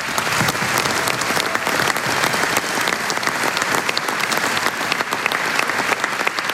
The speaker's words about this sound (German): Ich glaube, das hat einen ganz großen Applaus verdient.